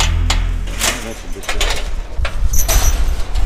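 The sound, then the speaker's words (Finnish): A door is pulled open on a storehouse full of old boats in Pohjois-Savo, Finland, with a sequence of scraping, clattering knocks and a metallic rattle over a steady low rumble, with faint bird-like cooing in the background. “melko se aarreaittaa avattiin ovi.”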